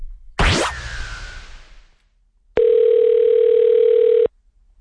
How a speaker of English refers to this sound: Let's make a phone call.